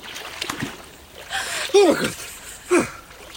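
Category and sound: human body sound, person whimpering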